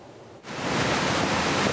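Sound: rushing river floodwater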